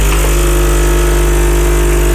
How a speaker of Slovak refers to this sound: No, ty si nahral náš kávovár, ktorý sme si zadovážili do kancelárie. A ktorý nefunguje, len tak by the way, ale nie, je to Beethoven, ktorý si pripravuje kávu,